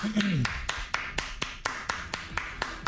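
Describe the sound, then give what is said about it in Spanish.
A single person claps at a steady, even pace, about a dozen sharp claps, after a brief vocal sound at the start; faint background murmur continues underneath. “Déjale aplaudir.”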